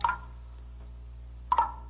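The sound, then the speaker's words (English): Two distinct drops of water dripping off a big leaf land about a second and a half apart, each a clear plink ringing briefly over a quiet background with a faint low hum. “Water. I hear water. It's water.”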